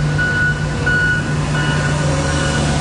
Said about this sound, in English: Traffic is rolling again here on the southbound Don Valley Parkway, but earlier the only sounds were from street sweepers and front-end loaders.